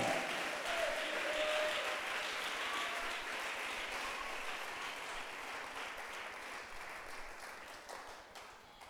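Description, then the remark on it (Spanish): A crowd applauds steadily for several seconds, a dense wash of many hands clapping at once that holds loud and fades slightly toward the end, with a few faint voices underneath. “Démosle un fuerte aplauso al Dios de gloria.”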